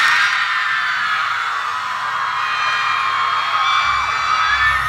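A concert crowd roars and screams steadily, a dense wall of high-pitched cheering and whooping that stays loud from start to finish with no individual voices standing out.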